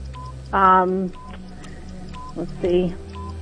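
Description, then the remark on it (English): A trivia quiz countdown clock ticks with short, evenly spaced electronic beeps, broken by two louder buzzy tones. The sound is steady over a low background hum. “Here comes the clock.”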